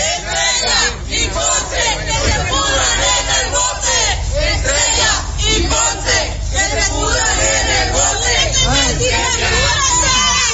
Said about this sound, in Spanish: Ambos casos fueron trasladados a los separos del Centro Integral de Justicia del municipio de Altamira, donde un grupo de manifestantes los recibió con gritos y con consignas, algo así.